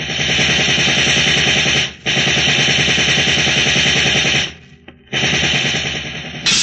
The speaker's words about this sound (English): All right, men, open up with your riot guns.